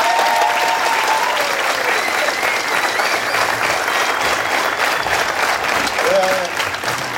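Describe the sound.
Sustained audience applause, a dense, steady wash of clapping hands that stays loud throughout, with a few faint voices and whistles mixed in.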